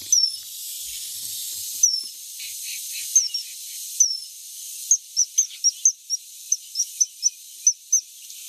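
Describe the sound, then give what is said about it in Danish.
A coal tit calls with thin, high notes: a few spaced calls at first, then a quick, regular series of short sharp chirps, over a steady airy hiss. “jeg har lige sat sådan et akrylfuglehus op på vores vindueslejlighed, så nu får vi meget besøg af mosvitter”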